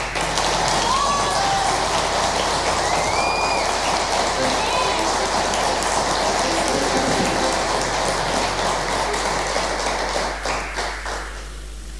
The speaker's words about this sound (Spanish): Bueno, en la batería tenemos, bueno, él forma parte del grupo … también, así que quiero agradecer desde ya y que ustedes le den un aplauso